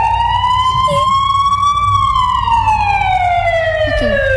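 A loud ambulance siren wails, its pitch rising slowly and then falling in one long sweep, over a low engine rumble, with no one speaking.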